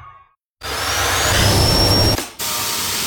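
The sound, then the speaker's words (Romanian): A Bosch Unlimited cordless stick vacuum cleaner with MicroClean technology starts abruptly and runs loudly with a steady whirring hum and rising whine, cuts off briefly, then resumes at full volume. “Bosch aspirator vertical Unlimited cu tehnologia MicroClean aspiră chiar și murdăria microscopică”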